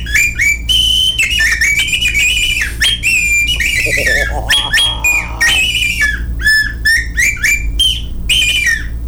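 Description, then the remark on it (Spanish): A bird-call whistle mimics a mockingbird's song: a rapid, varied run of shrill chirps, trills and warbling phrases, loud, over a steady low background hum. “Aquí tenemos el sonido del pajarito, el sensontle.”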